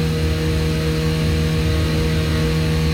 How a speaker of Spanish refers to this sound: Con un escape donde la moto hace muy mucho ruido.